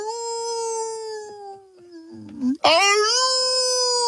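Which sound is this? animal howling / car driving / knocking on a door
animal howling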